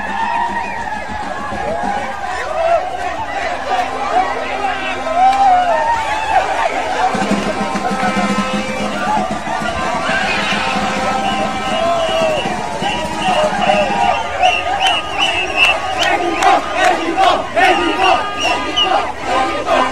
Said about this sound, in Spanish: Oiga, pues esta victoria ayer ni la lluvia paró a los aficionados para festejar. Vamos a ver este festejo en el Jardín Cenea.